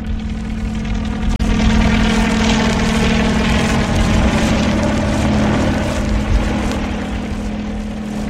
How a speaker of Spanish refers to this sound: El helicóptero traza un círculo en el aire y reanuda el descenso hacia los indefensos fugitivos.